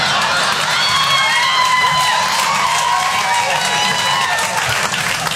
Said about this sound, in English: See how they cheer? They are so against us.